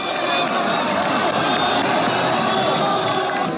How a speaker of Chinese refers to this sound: 当白色雄鹰一记高鞭腿精准命中斗牛士的头部时，全场爆发出震耳欲聋的欢呼。